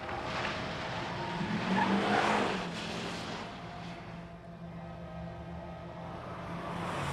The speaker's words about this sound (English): She stands up from her stoop and watches as the burgundy SUV drives out of the car park and speeds away.